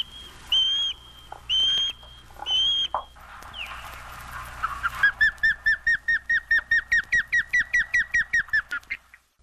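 An osprey calls: three drawn-out, whistled cries, then a rapid run of short, sharp, evenly spaced chirps that climbs in intensity before trailing off.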